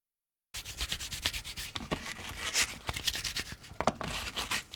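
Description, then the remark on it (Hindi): Steady, gritty rubbing and scratching, a dry abrasive texture with quick sharp scrapes, as a pinch of salt is rubbed over okra by hand to remove its fuzz, preparing the okra to decorate the edges of a cake. It continues without pause and with no talking. “एक चुटकी नमक भिंडियों के ऊपर डालकर रगड़ें ताकि रुएं खत्म हो जाएं।”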